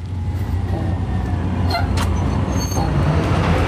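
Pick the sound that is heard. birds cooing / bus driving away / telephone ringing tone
bus driving away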